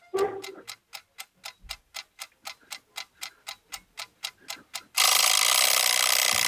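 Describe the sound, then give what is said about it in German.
An egg timer ticks in a quick, steady mechanical rhythm for about five seconds, then bursts into a loud, continuous rattling ring. No one speaks. “Ja, ich glaube, wenn ich einen Timer zum Frühstück brauche, dann wird es die Eieruhr sehen.”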